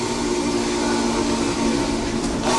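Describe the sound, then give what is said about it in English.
A digital simulation of the 576 steam locomotive's whistle, built by Alex Mullen over 6 months with video game software and a flight simulator throttle, sounds one long, unbroken blast, a steady loud chord of low tones wrapped in breathy hiss, with no voices over it. “And I think it is the most accurate whistle simulator anyone's ever made digitally.”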